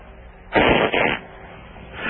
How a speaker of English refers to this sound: You got a fart?